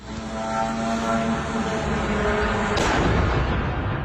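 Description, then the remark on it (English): A Russian drone's engine drones steadily with a buzzing, tonal hum, then a sudden loud crash bursts out near the end as it crashes into a Romanian apartment block on Thursday night, followed by a lingering rumble. No one speaks. “The sound of a Russian drone as it crashed into a Romanian apartment block on Thursday night.”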